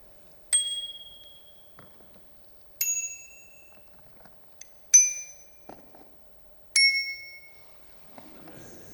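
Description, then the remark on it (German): A bicycle bell rings four times at a steady, unhurried pace, each ding sharp at the start and ringing out with a fairly low, mellow tone, clear against quiet surroundings. “Der Ton ist auch nicht so hell wie manch andere und hat auch keinen verspielten, besonderen Ton. Es ist ein vergleichsweise tiefer Ton.”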